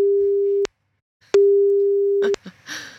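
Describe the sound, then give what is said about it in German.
A telephone ringback tone sounds twice as long, steady electronic beeps separated by a short silence, while calling a person picked to win concert tickets, then the line clicks and a voice briefly answers at the end. “Und wir gucken mal, ob die Person, die ich hier rausgefischt habe, auch ans Telefon gehe.”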